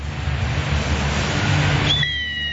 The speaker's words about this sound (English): Stand by. Ready to go? You're about to hear the whistle.